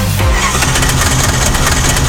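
A car engine making a strange noise runs loudly and steadily, its low rumble dipping in pitch at the start and carrying a rough, uneven rattling quality for about two seconds, with no voices.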